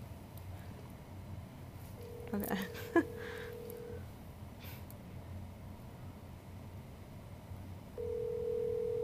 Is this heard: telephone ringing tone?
yes